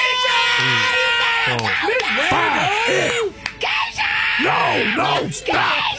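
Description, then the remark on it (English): A voice imitates a family screaming too long for their graduate, with long, drawn-out yells that rise and fall repeatedly, loud, continuing for several seconds with barely a pause. “Coming at number two, the family that screams too long for your graduate.”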